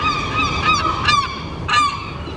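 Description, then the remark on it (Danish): Harsh, screeching seagull calls ring out in several overlapping bursts, loud, with a few sharper squawks rising above a steady wash of background noise. No one speaks. “Ja, tid til skrigende, hakkende og klattende måger, der sidder på lur for at guffe madrester fra diverse restaurantborde.”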